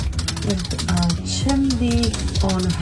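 Rapid, steady clicking of keyboard keys typed by someone with long nails, entering a Google search, the taps sharp and continuous for the whole stretch, with a voice faintly murmuring underneath.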